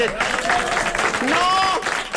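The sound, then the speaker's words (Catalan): A dense, steady wash of audience applause fills the short stretch, with a voice speaking over the clapping, rising and falling in pitch. “No es pot aplaudir encara.”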